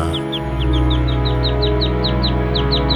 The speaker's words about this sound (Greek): Τα πουλάκια είναι μέσα στη μουσική. Όχι, αλλά εμένα μ' αρέσουν.